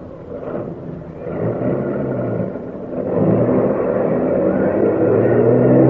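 A bus's heavy engine rumbles and revs up, its low growl building steadily louder over several seconds as the bus pulls away. No voices are heard.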